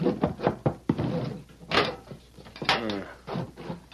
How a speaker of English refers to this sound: All right, now. Wait till I get this door unlocked. All right, inside, both of you.